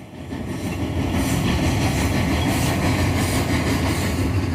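A train rolls steadily along the tracks, a loud, continuous rumble with a faint rhythmic clatter of wheels over rail joints. No one speaks.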